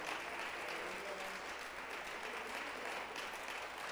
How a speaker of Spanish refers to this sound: Démosle fuerte ese aplauso al Señor.